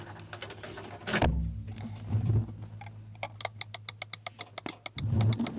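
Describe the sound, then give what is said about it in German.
A rapid, steady series of about a dozen crisp computer mouse clicks, distinct, over a low droning hum with a couple of soft thumps. “Warte, ich mach Mausklicken.”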